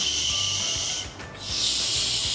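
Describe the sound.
A person makes a sustained breathy English "sh" hiss, teeth held together and air let out through the gaps between them, broken by a brief dip partway through, then resumes steady and loud to the end, with no speech.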